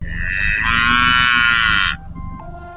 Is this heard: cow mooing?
yes